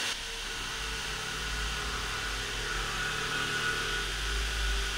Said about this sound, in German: Weißt du, also wenn hier jetzt gebohrt wird, dann kann ich nicht weiterreden. Das sollte uns hier jetzt nicht stören, das ist doch weiter. Nein, das hören Sie doch! Das tun Sie doch nicht so, als würden Sie das nicht hören!